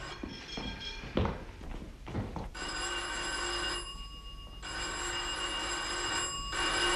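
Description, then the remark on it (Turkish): A doorbell at a doctor's practice rings over and over, a sustained bright electric chime with brief pauses between presses, steady and fairly loud after a few soft knocks or clicks at the start. “Aa, yeter oğlum, sürekli çalmaz zili.”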